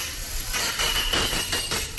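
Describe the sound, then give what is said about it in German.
A dentist's drill in a dental practice below a radio studio whines steadily at a thin, high pitch above a rough, rumbling wash of noise for about two seconds, with surges in the noise and no voices. “Unter unserem Studio ist ja eine Zahnarztpraxis.”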